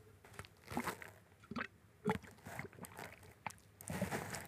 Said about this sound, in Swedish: Här vill ni höra när jag dricker vatten?